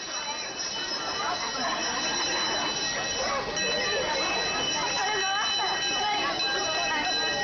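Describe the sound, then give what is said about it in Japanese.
A bell in Yatsuo town, Toyama Prefecture, Japan, rings to announce the start of the Owara festival, echoing over old willows with bright, lingering overtones that hang steadily over the whole stretch, while a murmuring crowd and scattered voices fill the background. “富山県八尾町、おわらの始まりを告げる鐘が古い柳に響きます。”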